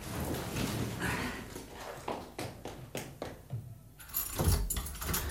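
A bunch of locker-room keys jangles in a series of bright metallic clinks and rattles, with a louder shaking burst near the end and no one talking.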